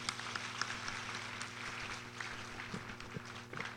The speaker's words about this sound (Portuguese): Vamos nos acolher com uma calorosa salva de palmas.